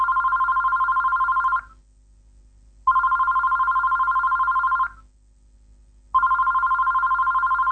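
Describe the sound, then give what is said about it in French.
A man's telephone rings while he sleeps, in three long, steady bursts separated by short pauses, loud, with a bright trilling tone and no voices. “Son téléphone sonne, puis il se réveille.”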